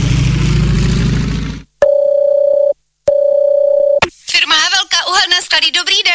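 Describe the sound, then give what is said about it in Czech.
A telephone busy signal on a call to the coal firm Havelka, in a Czech-language advert: two steady mid-pitched tones, each about a second long, separated by a short gap. Loud noise comes before them, and a person starts talking right after. “No, konečně. Helejte, k vám se taky dovolat.”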